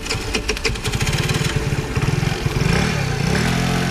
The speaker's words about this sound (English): As I rode home on my motorcycle, I had a distinct impression that